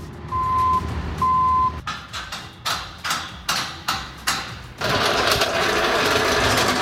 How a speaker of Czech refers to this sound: Libereckým areálem Vesec zní zvuky stavby.